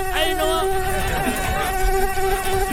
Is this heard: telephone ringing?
no